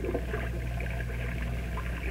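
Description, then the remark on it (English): A steady, continuous roar of breaking waves washes in, heard from a boat in fog as it approaches land, heavy with low rumble and hiss, with no distinct individual crashes and no voices. “Listen. What do you hear? Breakers. You're right. We're approaching land.”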